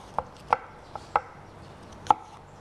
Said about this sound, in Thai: แล้วก็แอปเปิ้ลล้างให้สะอาดแล้วก็หั่นเป็นชิ้นเล็กๆเราใช้ทั้งเปลือกเลยนะคะ